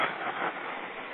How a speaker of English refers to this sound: the storm's coming in. I just saw a subway roll past.